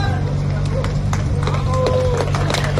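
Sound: crowd applauding rescued woman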